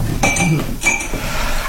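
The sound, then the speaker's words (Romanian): A glass of cold water clinks twice as it is handed over, two bright, short taps about half a second apart, followed by quiet background noise with no talking. “Un pahar cu apă rece?”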